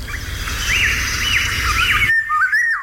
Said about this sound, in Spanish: Esto escuchado en un amanecer, porque es cuando canta, un amanecer en el campo, si estamos cerca de un río, porque es un pájaro de soto, fíjate qué bonito, de bosque de ribera, fresnedas, saucedas, alamedas, choperas, ahí vive la oropéndola.